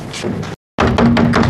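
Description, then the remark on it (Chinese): Loud, rapid knocking pounds on a door, coming in two busy bursts split by a short silence, with no voices heard. “开开门 啊！”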